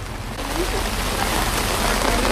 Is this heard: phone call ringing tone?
no